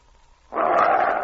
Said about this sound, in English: Well, you old thundercloud. You're growling at me, eh? A good name for you, Thunder.